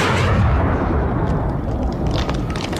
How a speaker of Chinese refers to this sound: 枪声越打越密，队列中的战士们都叫着， 打枪的地方就是腊子口了，大家快跟上啊